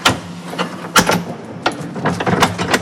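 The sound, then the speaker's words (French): A door's second latch is worked open in a series of sharp metallic clicks and clacks, spaced irregularly over a few seconds, with a low hum behind. “Il y a un deuxième loquet.”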